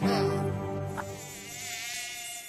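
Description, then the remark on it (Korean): A mosquito whines steadily, its thin high-pitched buzz holding for a couple of seconds with slight wavering in pitch as it hovers. “눈앞에 펼쳐진 뷔페를 두고 굳이 이 작은 모기장을 뚫고 들어올 모기는 없죠.”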